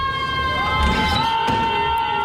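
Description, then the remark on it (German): Several voices scream out together in long, sustained, high-pitched wails that overlap into a steady, siren-like howl, loud and continuous with no speech. Students screaming out of the windows of a student dormitory in Stockholm, Sweden, on a Tuesday evening. “Sie schreien aus dem Fenster.”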